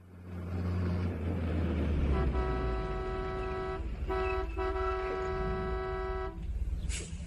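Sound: truck arriving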